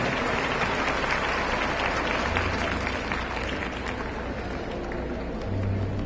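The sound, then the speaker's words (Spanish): An audience at a women's congress applauding the women attending for the first time, a steady dense patter of many hands clapping at once, fairly loud and continuous throughout with no voices standing out. “Bueno, un aplauso para ustedes también, mujeres. Y un aplauso para ustedes también que las trajeron a las nuevas que les compartieron.”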